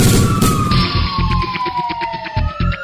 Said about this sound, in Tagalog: Magnum Fire Alarm.